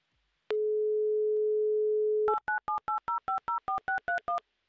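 A steady telephone dial tone hums for about two seconds, then eleven quick, evenly spaced keypad tones beep as a mobile phone number in Simferopol is dialed. Clear, with no voices.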